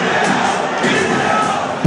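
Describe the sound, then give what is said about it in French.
A dense stadium crowd at a match shouts "vidéo" to pressure the referee into a video review: a steady, loud roar that holds for about two seconds, with many voices blending together and a sharp swell at the very end. “Est-ce que ça marche encore ça aujourd'hui, la pression du stade qui crie vidéo sur l'arbitre?”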